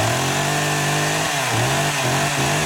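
A loud Stihl chainsaw runs steadily, then its engine pitch dips and surges in a few quick revs. No voices are heard.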